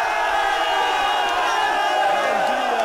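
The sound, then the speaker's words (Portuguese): A large crowd cheers and shouts together in a loud, continuous roar of many voices that holds steady for about three seconds, with no single speaker standing out, at a football cup final trophy presentation by the Madeira Football Association after Estrela da Calheta's win. “E os gritos vão acontecer.”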